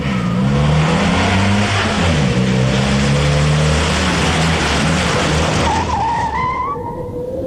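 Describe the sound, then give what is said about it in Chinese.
An ambulance engine roars loudly as it speeds into a military barracks courtyard, then tires squeal with a rising screech as it brakes hard to stop in front of Building 3, and the noise drops away abruptly at the end. “军营院内，一辆救护车急速驶来，停在了三号楼前。”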